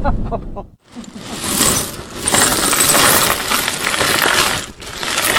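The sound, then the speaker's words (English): Small pieces of glass clink and rattle continuously as they are shuffled and sorted at home, a busy jangle with a brief pause near the start and no voices. “At home, Bill and Helen sort their glass.”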